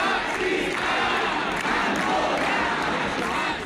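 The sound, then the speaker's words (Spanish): Hundreds of protesters gathered in front of the town hall, called by GKS and other organizations to protest against racism and fascism, shout slogans such as 'racism is not security' in unison: a loud, sustained roar of many overlapping voices with rhythmic rising and falling chants throughout. “Al lado, frente al ayuntamiento, otras cientos de personas que se concentraron convocadas por GKS y otras organizaciones para protestar contra el racismo y el fascismo con gritos de racismo no es seguridad.”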